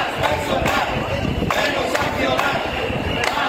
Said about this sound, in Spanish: Y multitudinaria protesta en la tarde de ayer en Ciza en defensa de la sanidad pública. Será Arco Norte, …. Al grito de sanidad pública o menos sancionar, más personal.